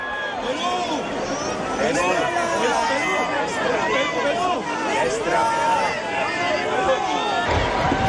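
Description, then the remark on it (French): A large crowd of pilgrims in St. Peter's Square, Rome, roars and cheers the pope before the general audience on Wednesday 17 June 2026, a dense wash of many overlapping voices and shouts at steady loudness, with no single speaker standing out. “Avec le pape qui est acclamé par la foule des pèlerins, nous allons participer à l'audience générale de ce mercredi 17 juin 2026.”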